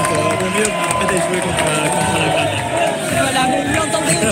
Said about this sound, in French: Ça crie, ça chante au fait de bien sûr la victoire de l'Espagne. Avec des drapeaux espagnols, tout le monde est très heureux ici, tout va bien. Voilà, une belle soirée en perspective encore ici à Toulouse